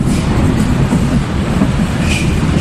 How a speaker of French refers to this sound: 1h du matin, le dernier métro vient de quitter la station de Jungfernheide à l'ouest de Berlin.